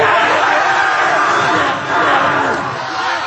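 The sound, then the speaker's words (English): A couple hundred high school seniors at Bishop Kelly screaming and yelling at once during a parent-and-child milestone celebration, a loud, dense, continuous roar of high-pitched voices that barely dips midway before surging back. “That sweet, fleeting moment between a parent and a child and a couple hundred screaming seniors.”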